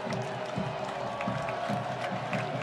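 A stadium crowd at a Boise State versus Fresno State football game cheers in a steady, continuous roar, a dense wash of many voices holding at an even level throughout with no single voice standing out.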